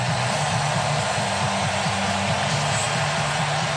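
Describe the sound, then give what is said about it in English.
A stadium crowd at a National League Wild Card Series baseball game applauds and cheers for pitcher Kerr as he leaves the mound, a steady, dense roar that holds at an even loudness, with a low wavering tone running underneath. No one speaks. “He's going to get a giant hand here as he leaves the hill.”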